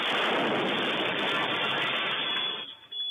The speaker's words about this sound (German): Ein weiterer Sprengsatz explodiert kurz zuvor auf der Bergerstraße im Frankfurter Nordend.